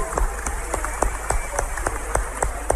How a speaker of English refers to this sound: Clap for Jesus.